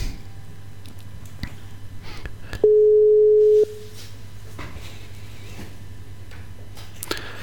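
A steady electronic telephone tone sounds for about a second as a call is dialed, clear and fairly loud, over a low background hum with faint clicks and rustles before and after.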